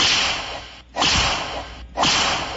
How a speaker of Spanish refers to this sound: Unos latigazos.